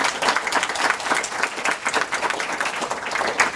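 A crowd applauds steadily, many hands clapping in a dense, even patter that holds at a fairly loud level throughout, with no voices standing out.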